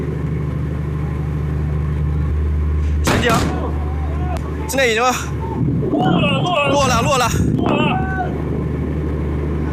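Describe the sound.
A Chinese rocket's engine fires during a hover landing at a sea recovery site, its deep, steady roar rumbling throughout with a few sharp bursts, while excited voices shout over it.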